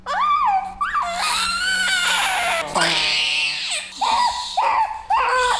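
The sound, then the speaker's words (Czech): A premature baby cries loudly, shrill wailing bursts rising and falling in pitch with short gasping breaks between them, continuous throughout with no talking, just after a nurse gives its first vaccination, a hexavalent vaccine. “Vidíte, že jenom je to chvilička a už se sklidní.”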